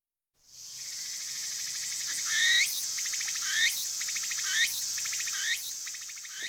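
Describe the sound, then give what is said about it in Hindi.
A Japanese tree cricket gives a steady high, shimmering trill, broken every second or so by a brighter rising chirp that repeats in a regular rhythm, with no voices present. “बरेसगीर के झिंगरों की आवाज़ से कितनी मुख्तलिफ आवाज़ है।”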